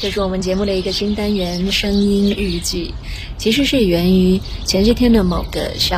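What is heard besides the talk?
birds chirping in trees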